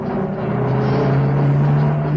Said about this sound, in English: The peace of the rural scene is shattered by the sound of a small pickup bouncing along the rough dirt road.